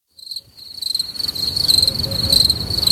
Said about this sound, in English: Wow. Tell you, the crickets are lovely.